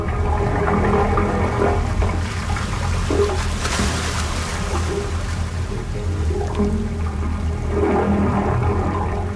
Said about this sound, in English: Here's how it works. A series of pipes up to 15 feet long are submerged in the water. Rising up from sea level, they vent through the stone. The sounds are produced by the swell of water rushing in and out of the pipes, vibrating and resonating